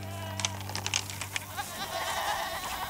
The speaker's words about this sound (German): Zurück auf dem Windberghof im Schwarzwald. Die Jungziegen ziehen auf ihre neue Weide. Die alte ist abgegrast.